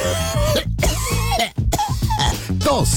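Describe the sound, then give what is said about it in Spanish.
A person coughs in several harsh bursts separated by brief pauses, loud and forceful, in a radio advertisement for Neumonil cold tablets, with a steady musical backing running underneath. “tos. Que se la quite.”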